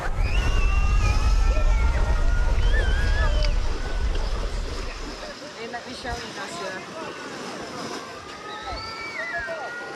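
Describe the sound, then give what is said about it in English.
Waves wash ashore on the beach in Odessa with a steady low rumble that eases after a few seconds, while indistinct voices and thin, wavering tones drift over the surf. “This is the beach in Odessa.”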